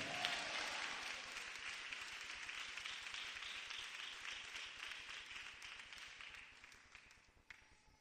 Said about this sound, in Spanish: ¿Cuántos le dan un aplauso al Señor, Dios de los cielos? Y a su nombre.